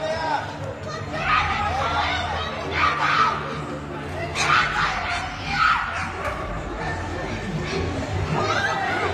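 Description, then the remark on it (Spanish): Several people shout and yell over one another in an agitated crowd, voices rising in bursts, with a dog barking intermittently amid the commotion: bystanders in a community in Bogotá, Colombia, yelling at the owner as her unmuzzled, unleashed pitbull attacks a cat. “Los testigos, en lugar de detener al animal, gritaban y le reclamaban a la dueña.”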